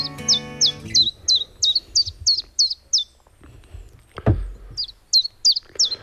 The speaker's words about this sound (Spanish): Pues ya hemos llegado al Parque Natural del Estrecho y en este momento nos escuchamos de fondo un mosquitero común.